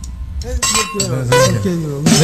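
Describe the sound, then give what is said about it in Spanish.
Several bright clinks of a beer bottle knocking against a glass ring out, spaced a little apart, while people talk underneath, as the beer is being opened. “Deje que destape ahí la cerveza, mi copa.”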